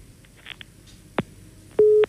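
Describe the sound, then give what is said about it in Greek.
A line clicks off as the caller hangs up, then a single steady electronic beep of a telephone busy tone sounds clearly at the end, with faint background hiss and no talking. “Μας έκλεισε η γαλλός ο φίλος.”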